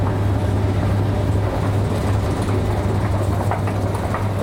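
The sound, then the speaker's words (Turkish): A fully automatic driverless metro train rumbles steadily at one of Türkiye's deepest underground metro stations, with a deep, constant hum and faint clicking of wheels on track, loud, with no one speaking. “Türkiye'nin en derin metro istasyonlarından biri tam otomatik sürücüsüz işletim sistemiyle çalışıyor.”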